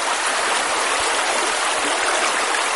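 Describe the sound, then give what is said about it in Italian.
A steady rush of flowing river water, a continuous bright hiss of current with no pauses and no voices. “Era una bianca giornata, era nero il canto del fiume,”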